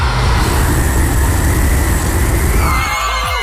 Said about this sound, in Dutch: een soort videogame waarbij een auto heel dicht op hem rijdt, terwijl Ponslet een lange weg afskate